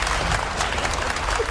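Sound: audience applause and cheering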